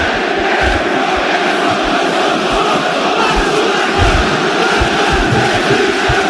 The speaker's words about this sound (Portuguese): Torcida maravilhosa, explodir de alegria. Simplesmente um 2-0 que contagia o estádio de São Januário e bota o Vasco cada vez mais perto da semifinal.